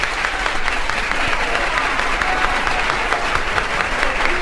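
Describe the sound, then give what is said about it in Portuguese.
Sustained, dense applause from a large crowd on a record, steady and loud throughout with rapid overlapping claps and no pauses or speech. “A salva de palmas mais longa da história do disco.”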